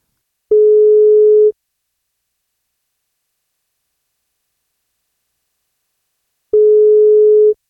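Two steady, one-second telephone ringback tones sound about six seconds apart with silence between, heard as the 1FM breakfast radio show calls a newborn's family in Elnesvågen and waits for someone to pick up.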